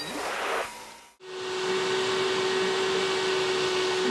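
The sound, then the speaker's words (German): A bagless vacuum cleaner that uses water as its filter roars, cuts out briefly for a moment, then starts again with a steady whooshing drone and a low motor hum. It runs alone, with no talking. “Staubsaugen mit der Kraft des Wassers.”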